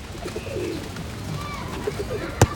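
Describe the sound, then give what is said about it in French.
Pigeons in a park coo softly in low, throaty murmurs that rise and fall over a faint outdoor background, followed by a single sharp tap near the end. “Il regarde les pigeons.”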